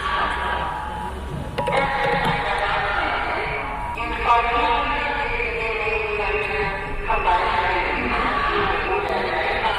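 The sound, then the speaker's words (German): The talking civil defense siren of Senftenberg, Germany, sounding at 11 o'clock on the nationwide warning day, blares a loud, distorted, unintelligible voice announcement through a loudspeaker, its harsh tinny tones continuing steadily without pause. “Tja, die sprechende Sirene von Senftenberg.”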